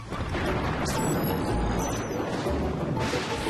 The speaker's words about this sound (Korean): 천둥이 치죠. 빛이 소리보다 빠르기 때문이에요. 그래서 번개가 번쩍 빛을 내고 나면 쿵쾅쾅 천둥 소리가 나중에 들리는 거죠.